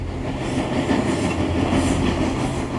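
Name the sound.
train running on rails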